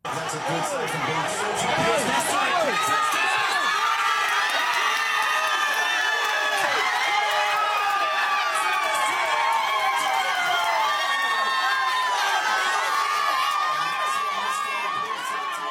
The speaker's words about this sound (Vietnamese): Khi Australia ghi bàn mở tỷ số trong trận đấu hôm qua, khoảng sân ngoài trời của làng ăn ở Canley Vale ngập tràn tiếng reo hò.